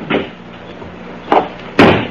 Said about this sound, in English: Then stand aside while I release the brake and close the door.